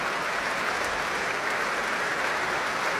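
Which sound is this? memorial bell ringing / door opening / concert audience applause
concert audience applause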